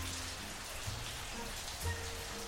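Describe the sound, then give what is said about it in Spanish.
Steady rain falling outside, a constant even hiss of drops with no pauses, underlaid by a faint low hum. No one speaks. “Está lloviendo por allá. Acá sí, acá se largó hace un ratito.”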